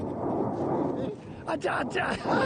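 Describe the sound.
Mount Etna in Sicily erupts, sending a massive ash cloud into the sky, with a deep, sustained roar and rumble, loud and broad throughout, while excited voices shout over it partway through.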